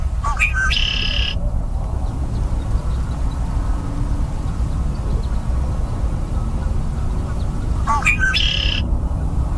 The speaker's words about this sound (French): Donc, un son un peu plus familier maintenant, le carouge à épaulettes.